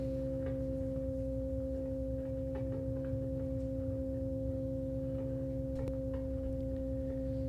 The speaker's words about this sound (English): What you're hearing in background here is this cassette on Negative Capabilities out of Canada, featuring a slew of players